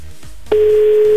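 A steady telephone ringback tone, calling a contestant during a phone-in prize game, starts about halfway through and holds at an even pitch, clear and fairly loud over a faint line hiss, with no talking.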